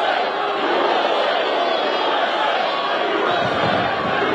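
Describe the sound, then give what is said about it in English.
A large crowd at UFC fight bouts held on the White House grounds roars and chants together in a dense, continuous wall of voices, loud and steady throughout with no clear pauses. “The crowd chanting.”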